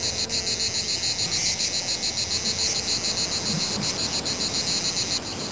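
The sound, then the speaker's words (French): A cicada sings with a steady, shrill electric buzz that fills the whole stretch without pause, fairly loud, with faint low rustling beneath and no voices. “La température est très importante pour la cigale.”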